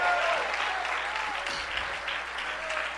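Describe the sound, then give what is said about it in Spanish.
Steady applause from a church audience after the preacher asks them to applaud the Lord, a dense, continuous wash of clapping at a fairly even level, with faint whistle-like tones running through it. “Dale tu mejor aplauso. aplauso esta noche.”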